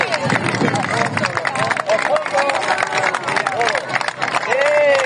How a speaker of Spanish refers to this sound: ¡Viva el Mar Menor! ¡Que siga limpio! ¡Un aplauso fuerte!